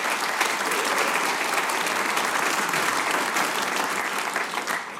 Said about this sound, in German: mit einem großen Applaus von der Knöpferlstreich.